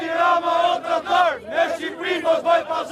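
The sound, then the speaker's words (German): A crowd of protesters in Albania chants slogans against Prime Minister Edi Rama, "Edi Rama, you traitor, Albania is not a commodity," in loud, rhythmic unison, voices rising and falling together in repeated shouted phrases with brief dips between them. “Edi Rama, du Verräter, Albanien ist keine Handelsware, skandieren die Demonstranten.”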